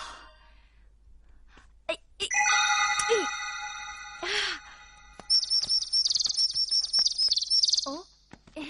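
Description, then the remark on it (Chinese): Small birds chirp in quick, high trilling bursts, fairly loud, after a few sustained ringing tones, with a couple of short chirps trailing off at the end. “小鸟，你们也想吃吗？”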